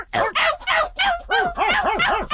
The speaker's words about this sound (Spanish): Los perros a ladre y ladre.